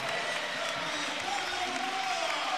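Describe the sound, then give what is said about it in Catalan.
A crowd applauds steadily as captain Carlos Barrón comes on as a substitute to play the last 5 minutes of the regular league season, a dense wash of clapping and murmur with a faint tonal hum running underneath. “I ara entrarà Barrón, l'aplaudiment de Somos.”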